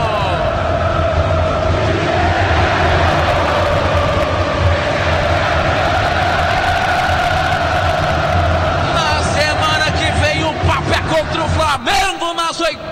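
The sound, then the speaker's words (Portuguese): A dense crowd of Cruzeiro fans at the Gigante da Pampulha stadium chants loudly and continuously during a Copa do Brasil match, voices rising and falling together, with a burst of rhythmic clapping or drumming near the end before the roar briefly drops. “E a torcida do Cruzeiro já entra no clima da Libertadores. Escutem só!”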